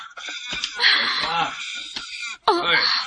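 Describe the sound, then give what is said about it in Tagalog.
A baby cries in loud, strained wails, two long bursts separated by a short catch of breath, with a few brief whimpers leading in. “Baby, ayaw na paghila ka.”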